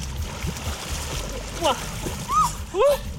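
Three dogs, Matti, Komet and Finn, splash through the water of the Nahe river near Bad Kreuznach, Germany, in a steady churning wash, with three brief high-pitched whines or yelps rising over it near the end.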